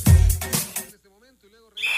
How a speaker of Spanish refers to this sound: Pitazo inicial.